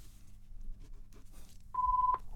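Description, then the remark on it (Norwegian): A telephone rings once as a short, steady electronic tone near the end, clear over a low background rumble. “Hei sånn, her ringer alt.”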